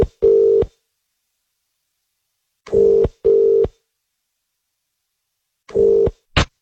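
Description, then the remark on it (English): A phone number being dialed: five keypad beeps at an uneven pace, a single tone, a quick pair, then two more, the last very short. The steady mid-pitched tones are clear and loud, with no talking. “Should we call her and see? Let's give her a call.”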